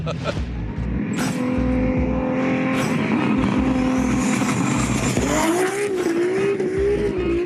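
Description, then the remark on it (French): A 1609-horsepower car engine roars loudly on a greasy winter road in Belgium, its deep growl holding steady before the pitch swings upward in a hard acceleration, with a rising whine over the rumble. “Avec 1609 chevaux, je m'attendais à de la grosse violence.”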